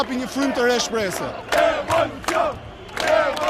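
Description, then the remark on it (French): A protest crowd massed on the boulevards of the capital chants in unison, many voices rising and falling in a steady, insistent rhythm, with sharp shouted accents landing roughly every half second. Loud and sustained, with no single speaker standing out. “Dans la foule qui se masse sur les boulevards de la capitale, les familles sont de plus en plus nombreuses.”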